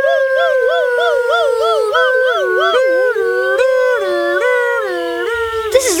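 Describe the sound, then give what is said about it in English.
Voices imitate an emergency siren while running toward a village hospital, wailing in steady rising-and-falling loops of pitch. The loud, overlapping wails continue without a break and slowly drift lower. “But they did grab the other Razzleflammon and run back to the village toward the hospital, making siren sounds with their voices.”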